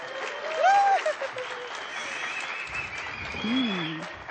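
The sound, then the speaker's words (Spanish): An audience at the Sala Julián Carrillo breaks into steady applause for the Radio UNAM 96.1 FM program Intersecciones, a dense wash of many hands clapping at once, with a few bright whistles or cheers rising briefly over the clatter. “Muy buenas noches, Radio UNAM 96.1 FM, desde la Sala Julián Carrillo para, aplausos, Intersecciones.”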